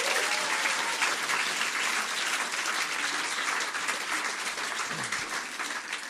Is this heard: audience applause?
yes